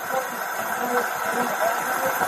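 A loud car engine idles steadily during a police traffic stop, a continuous rumbling drone with a faint hiss and no break in intensity throughout.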